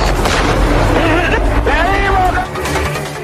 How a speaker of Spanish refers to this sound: ¡Primer disparo!